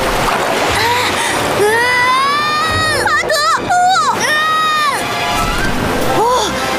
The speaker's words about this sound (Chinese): 哇，大坝解体了，但是巴德呢？ 水流下来了。